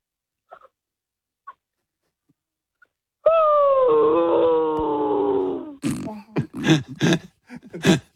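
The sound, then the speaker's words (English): A 13-year-old imitates a dog that has just been killed playing Fortnite, drawing out one long, sinking whine before breaking into a quick string of short, yelping cries; a few faint clicks come first. “Okay, can you be a dog who's just been killed playing Fortnite, please?”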